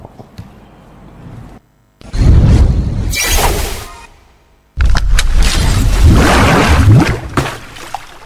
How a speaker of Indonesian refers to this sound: Inilah suara keledai yang dicela dalam Al-Quran. Allah mencela meniru suara keledai, karena suara ini paling tidak baik.